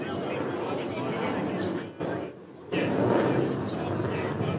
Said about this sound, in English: Now he's going to reposition and fly past at over 500 knots. So this is the one to be aware of, the sheer noise and capability of this jet.